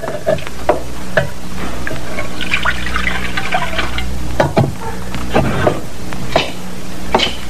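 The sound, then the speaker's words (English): Water pours steadily into a metal pan for several seconds, a continuous splashing gurgle broken by a few sharp clinks and knocks, with no voices. “You got the waters. Pour some into that pan, will you”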